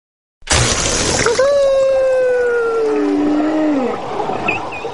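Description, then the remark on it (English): A sudden loud rush of compressed air released from an opened scuba tank valve blasts underwater, followed by a long, falling tonal moan that fades out over several seconds, with no one speaking. “If it were me, I'd try to open a scuba tank valve and let the force of compressed air act like jet propulsion rocket to propel me backward out of the throat.”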